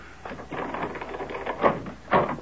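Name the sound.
door being opened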